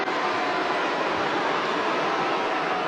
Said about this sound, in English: You can hear this is a Dolphin-friendly 50,000 crowd.